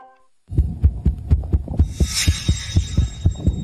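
A rapid, uneven heartbeat, the second of two heartbeat recordings, reproduced as it sounds through a stethoscope, thumps with deep, muffled beats in quick succession, with a brief airy hiss rising partway through.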